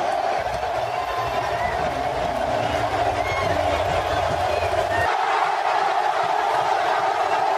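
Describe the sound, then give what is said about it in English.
A huge crowd at SoFi stadium roars in one continuous, dense wall of sound, steady and loud throughout with no pauses, like thousands of voices blending together from all around. “Just the roar of that crowd, man, is unlike anything you'll ever hear.”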